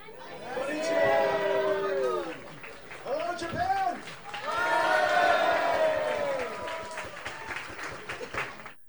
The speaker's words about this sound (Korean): 젠슨 황 엔비디아 최고 경영자가 행사장에 등장하자 환호성이 터져나옵니다.